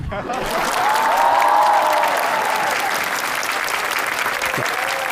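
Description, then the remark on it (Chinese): Steady, dense audience applause fills the whole stretch, a broad wash of many hands clapping that swells early and holds loud throughout, with faint voices mixed in underneath. “别鼓掌了，你说的这是郑州美食，”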